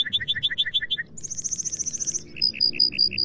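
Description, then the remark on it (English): A male lark bunting, Colorado's state bird of the plains, sings his breeding-season song calling for a mate, shifting through distinct sections: a quick series of doubled whistles, then a rapid buzzy trill, then slower repeated chirps, with no talking. “Far from the mountains, look and listen for Colorado's state bird, the troubadour of the plains, the lark bunting.”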